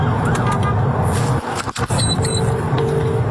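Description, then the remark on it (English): A loud, steady rumble inside the cab of a police vehicle at speed on the M40 motorway, its siren wailing in tones over the road noise, as a van driver blocks its path. “Must not have been a huge emergency, because you'll hear from inside the cab of their police vehicle how they handled it.”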